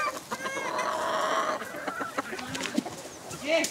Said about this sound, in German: Angelinas Hahn macht nicht nur bei seinen 6 Hennen den dicken Macker, sondern auch bei ihr.